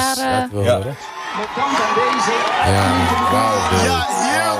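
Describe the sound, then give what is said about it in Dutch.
A loud crowd whoops and yells in jubilant celebration of their team's first point at the World Cup, many voices shouting over one another in a continuous, dense roar of excitement, with individual cries rising above the din. “Hier wordt geschreeuwd. En iedereen is blij. Ik zie mensen schreeuwen.”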